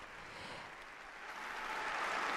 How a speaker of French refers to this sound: Voilà, des applaudissements de toutes ces personnes présente dans la cathédrale Sainte-Anne.